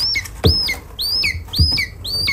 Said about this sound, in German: Ja, so klingt ein Schreiadlerküken. 26 davon sind Ende letzten Monats geschlüpft und werden jetzt bis zur Auswilderung in einer Aufzuchtstation in Potsdam wieder fit gemacht.